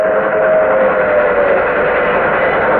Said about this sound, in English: The train coming. It's an old steam train. I thought everything up here was diesel.